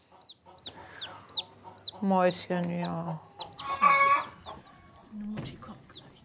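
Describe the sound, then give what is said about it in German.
Hens cluck and squawk in bursts over a steady chirping of small birds, with a loud rising cackle midway and a soft voice murmuring briefly near the end. “Das ist, andere gucken Aquarium, ich gucke Hühner.”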